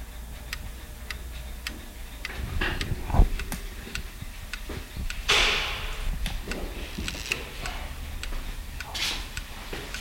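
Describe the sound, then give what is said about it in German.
Several clocks tick steadily in a watchmaker's shop, their overlapping beats forming a busy mechanical patter, with a few soft shuffles and brief rustling noises. “Also habe ich mich auf den Weg zu einem Uhrmacher begeben und ihn erzählen lassen. Zur Zeit, zu Uhren, zu Zeitmessern.”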